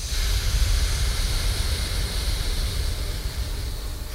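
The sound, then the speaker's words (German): Many people breathe out together during a breathing exercise, the left nostril closed with the ring finger, in one long, steady, breathy whoosh, like a soft rushing hiss that holds for several seconds without a break. No one speaks. “Stopp einen Moment und dann aufatmen. Und dann wieder. Stopp und wieder aufatmen.”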